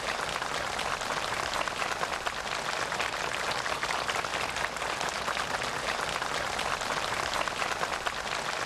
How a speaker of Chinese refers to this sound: 在双方陪同人员和朝方学员们的热烈掌声中，习近平和金正恩在植树标志碑前握手合影。